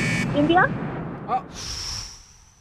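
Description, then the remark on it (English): A quiz timer buzzer sounds as a steady, high-pitched electronic tone lasting about a second, following brief voice sounds and lingering over low background noise. “It was on the buzzer.”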